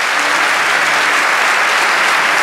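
A church audience applauds the Lord steadily, a dense, even wash of many hands clapping at once that holds at a loud level with no voices standing out.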